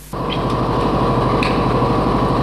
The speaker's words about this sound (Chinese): 听那个发动机声音，我心里就高兴。越野车的声音是特别大，嗡嗡，加油门的那个声音，特别激动。